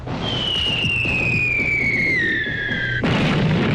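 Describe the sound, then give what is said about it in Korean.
A high whistle slides steadily downward for about three seconds over dense crackling rumble, then cuts off as a car loaded with ammunition, hit by rifle grenade fire, explodes in a sudden loud, sustained blast, scattering debris. “자동차가 폭발하면서 파편들이 날리자 자동차 옆에 도랑에 엎드려 있던 적군 포병들이 아우성을 지르면서 산지 사방으로 내뛰었다.”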